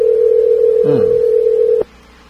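A Viber call that goes unanswered: a steady, loud telephone tone drones for nearly two seconds, with a brief chirping blip partway through, then cuts off abruptly into quiet background hiss, as if the line dropped unanswered.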